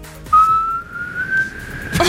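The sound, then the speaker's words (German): A woman whistles a children's song melody, one long, clear note that slowly glides upward in pitch, fairly loud, with no talking and a brief rustle at the end. “Und sie wieder pfeifen”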